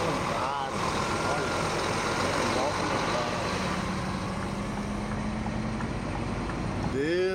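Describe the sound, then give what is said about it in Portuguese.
A motorcycle engine roars, its pitch climbing steadily as it passes on a road past Vale do Sonho, over a constant rumble of road and traffic noise, with voices faintly mixed in. “Olha a moto ali, ó. Olha a moto.”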